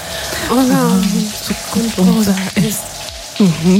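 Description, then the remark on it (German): A steady hiss of running shower water fills the background while a person sings loudly under the shower in short, clear melodic phrases, for a shower karaoke guessing game on Radio Mülheim. “wir haben mal wieder unter der Dusche gesungen und ihr versucht irgendwie rauszufinden, welcher Song es sein könnte.”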